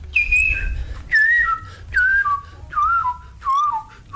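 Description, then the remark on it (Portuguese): A person whistles an imitation of the song of a bird from Brasília: five descending phrases, each sliding downward from a high note to a lower one, clear and fairly loud over a low hum. “Tinha um pássaro em Brasília que tinha uma escala maluca assim, porque ele fazia esse efeito.”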